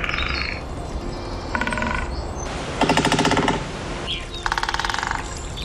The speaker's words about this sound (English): I made up a compilation of different woodpeckers drumming from different sites in Ireland, and they all have different favourite resonances and outputs. Let's have a listen to that.